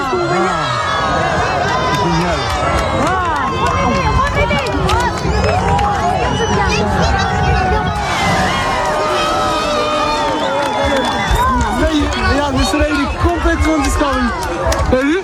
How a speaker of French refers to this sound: Ça donne envie quand même. Il y a presque des cris de joie, c'est fou.